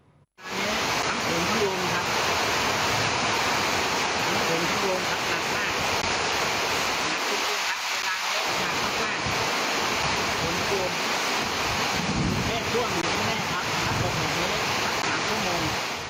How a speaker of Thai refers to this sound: เนี่ยฝนทำถึงแบบนี้ใจคอไม่ดีเลยนะเพิ่งจะเกิดขึ้นนะครับในหลายพื้นที่ตรงเนี้ยบางบอนเจ้าของคลิปบอกถ้าฝนตกแบบนี้อีกสัก3ชั่วโมงนะกรุงเทพน้ำท่วมไม่รอดอีกแน่ๆ นะครับ